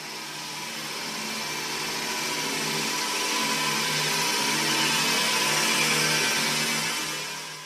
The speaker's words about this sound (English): This is Flushing Toilets.